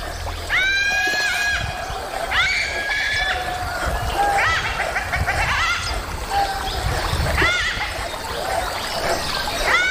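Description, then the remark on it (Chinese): A pack of dholes screams in panic, shrill high-pitched cries bursting out again and again in overlapping waves over a steady, rumbling background noise. “柴群惊恐地尖叫。”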